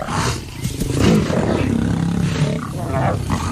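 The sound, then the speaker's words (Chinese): A male lion roars and growls in deep, rumbling bursts that run almost without a break for a few seconds; it belongs to a pride of at least nine with three large males guarding it. The sound is loud and throaty, and no one speaks. “这个狮群至少有九名成员，其中有三只体型壮硕的公狮负责护卫狮群。”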